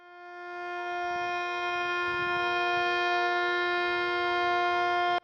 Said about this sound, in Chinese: 9:18，沈阳全城拉响3分钟防空警报，警报声划破长空，过往车辆停驶并鸣笛，火车及轮船拉响汽笛3分钟。